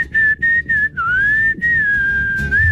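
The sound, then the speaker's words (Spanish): Someone whistles a simple tune, a steady clear tone with short breaks between notes and a slight pitch drop midway, with faint background noise underneath. “se desafina hágale, silbando.”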